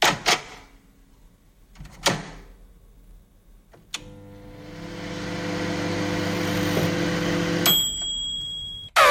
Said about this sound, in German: Ja, genau, unsere Mikrowelle, stimmt.